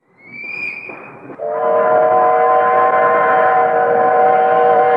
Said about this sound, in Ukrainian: Жили вони в залізничному бараці при самісіньких коліях. І коли мимо гуркотів важкий ешелон, барак теж ніби зривався з місця. Двихтіли стіни, дрижала підлога, брящали шиби у вікнах